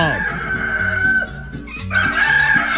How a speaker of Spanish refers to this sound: levántese que ya cantó el gallo.